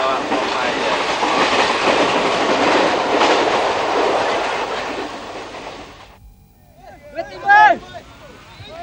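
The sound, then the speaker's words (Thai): A train on the southern railway line rumbles steadily along the rails with a dense, roaring clatter for about six seconds, then cuts off abruptly, leaving a quieter moment where a voice begins speaking. “แม้วันนี้ภาพของกองทัพมดเหนือขบวนรถไฟสายใต้จะจางหายไปภายนอกหน้าต่างรถไฟสายนี้ยังคงสะท้อนภาพชีวิตของกลุ่มคน”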